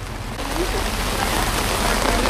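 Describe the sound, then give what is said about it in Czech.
Steady rain falls throughout as the president walks through a town in Nebraska, a dense even hiss of drops striking a surface, continuous with no pauses or other sounds standing out. “Prezident se rozhodl projít městem, akorát, že zrovna prší.”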